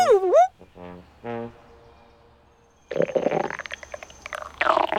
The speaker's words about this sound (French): Mais qu'est-ce que c'est que ce bruit? Qu'est-ce que c'est que ce gargouillis? C'est le ventre de Toudou qui fait ce gargouillis. Toudou a le ventre qui gargouille parce qu'il commence à avoir faim.